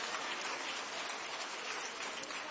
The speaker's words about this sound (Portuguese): Palmas para Jesus. Glorifiquemos ao Senhor pela vida dos nossos irmãos.